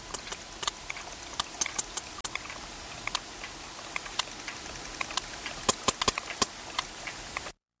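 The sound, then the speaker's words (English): Sharp sperm whale clicks, recorded off the coast of Ibiza, sound in an irregular series, some spaced apart and others bunched in quick runs, over a constant underwater hiss. No voices. “This is the sound of a sperm whale recorded off the coast of Ibiza.”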